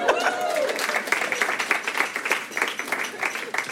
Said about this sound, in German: Hier ist unser erster Comedian, macht einmal Applaus.